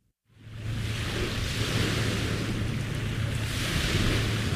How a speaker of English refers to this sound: The distant sound of crashing waves rings through the tree line of Refuge Cove State Recreation Area, north of town.